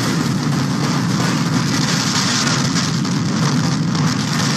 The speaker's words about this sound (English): A home was flattened and two people trapped in their basement when a funnel cloud roared through a field in St. Liberty, Nebraska this weekend.